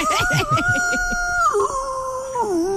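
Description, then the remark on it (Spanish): A morning rooster's crow stretched into a long, howling call like a wolf's: one loud, sustained, tonal note holding steady for over two seconds with slow pitch dips, preceded by brief rough pulsing sounds. “El gallo de la mañana.”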